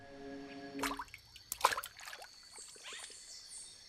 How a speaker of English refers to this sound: In slow motion, another globule falls into a pool, creating a water droplet crown and jet.